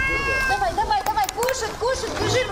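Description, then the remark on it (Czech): Several cats meow repeatedly in quick succession on an embankment in Odesa, their overlapping cries rising and falling against a busy outdoor background with a faint murmur of activity. “Každý den si paní Natália nasadí ruksak, 10 kilo krmiva pro kočky, nějakou vodu a vyráží na pobřeží.”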